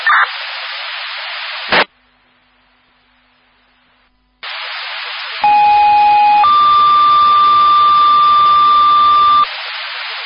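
A fire dispatch discharge tone over a radio: a short steady tone followed by a longer second tone lasting several seconds, loud and clear amid hissy radio static with a brief silent gap earlier.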